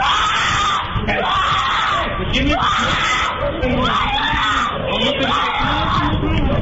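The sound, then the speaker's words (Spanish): A child screams desperately and without pause, loud, the anguished cries rising and falling over a dense, noisy background of other shouting voices, as a dog that got out of its house bites the child's limbs for 45 seconds in Iztapalapa, caught on a surveillance camera. “En él se observa cómo el can se salió de su casa y se le fue encima, mordiendo sus extremidades por 45 segundos, mientras él gritaba con desesperación.”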